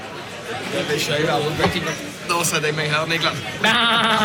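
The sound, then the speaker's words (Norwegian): A person imitates a goat for a 'drinking goat' toast after dipping the chin in beer foam, letting out a wavering, nasal bleat that builds to a loud, bright closing call, with other voices chattering underneath throughout. “Dypp haka de i skummet på ølen, og så får du en liten sånn skumskjegg, og så roper du bæ. Have you ever seen a drinking goat?”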